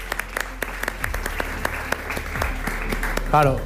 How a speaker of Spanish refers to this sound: Un aplauso.